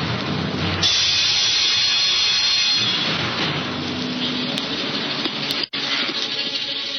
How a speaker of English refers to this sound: Aye, the storm that raged that night around the rugged battlements of the castle of Cedric reflected well the tempestuous temper of the times.